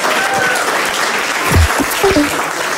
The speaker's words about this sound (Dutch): Applaus voor Toby Alderweireld.